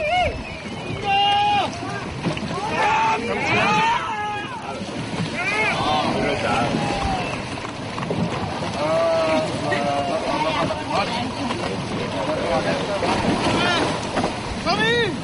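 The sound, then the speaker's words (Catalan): A traditional lifeboat show on the sea at Calafell at night, heard amid a lively festive outdoor scene with many overlapping voices, calls and chirpy shouts carrying steadily across the whole stretch. “Els que encara es van quedar a l'aigua van gaudir de l'espectacle del tradicional bot salvavides.”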